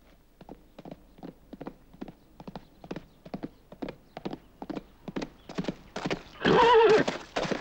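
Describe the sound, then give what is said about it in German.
Steady clip-clop of horse hooves, a regular trotting rhythm of sharp knocks, building in intensity until a loud horse neigh bursts out near the end. “Der Wagen ist abgefahren! Auf die Pferde!”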